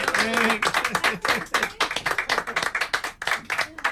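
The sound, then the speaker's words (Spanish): A small group of bus passengers claps steadily for several seconds for their female bus driver after a roughly 50-minute route, a dense patter of hand claps, with people's voices mixed in underneath, especially at the start. “Después de unos 50 minutos de recorrido de esta línea que tendrá una salida cada hora, el reconocimiento se transformó en aplauso para una conductora de primera.”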